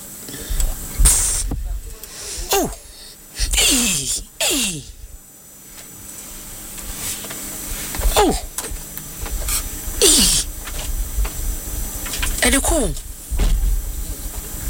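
The door mechanism of an STC bus operates: loud, sharp bursts of pneumatic air hiss recur every couple of seconds, each paired with a quick descending mechanical whine over a rumbling background.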